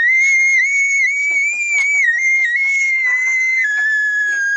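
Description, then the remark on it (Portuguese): A single long, high-pitched scream from a person, held steadily for several seconds, loud, wavering slightly in pitch without a break. No talking is heard. “Ai, que vontade de gritar.”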